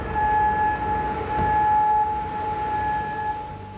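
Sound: air raid sirens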